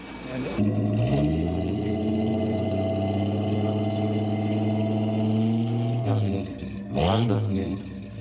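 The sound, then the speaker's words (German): A car's inline six-cylinder engine cranks and catches, then settles into a loud, steady rumbling idle with a low harmonic hum, before a brief throttle blip revs it up and back down near the end. “Soll ich mal anmachen? Was für eine Frage, ja.”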